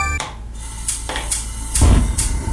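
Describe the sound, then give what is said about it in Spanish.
Dishes and cutlery clink and clatter at a dinner table, with several bright, sharp knocks spaced irregularly over a low, steady background murmur, and one heavier clunk of tableware midway. “Estos son los sonidos de una cena.”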